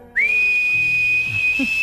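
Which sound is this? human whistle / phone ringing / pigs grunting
human whistle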